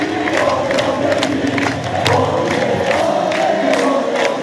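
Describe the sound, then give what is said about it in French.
A dense, jubilant crowd in Rouen, France, cheers and shouts continuously after the French football team reaches the semi-final, a loud roar of many voices with scattered whoops and yells, sustained without pause from start to finish. “Et la fête, 4 ans après le dernier succès de la France contre les Lions de l'Atlas, Avec la foule en liesse, donc à Rouen, mais aussi au Havre ou encore à Évreux, place désormais à la quête d'un troisième sacre après 1998 et 2018.”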